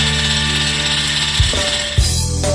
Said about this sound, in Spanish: Sí, sería bueno que empieces a batir la crema en la batidora.